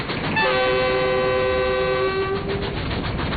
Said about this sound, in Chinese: 妈，火车为啥能跑这么快？ 这是蒸汽机车，是靠蒸汽带动的，蒸汽把那个活塞啊推来推去，轮子就转了。